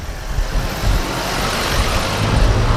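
A jeep's engine rumbles steadily as a man drives it around, a low, continuous motor drone with broad road noise and no voices.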